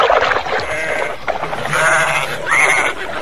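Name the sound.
sheep bleating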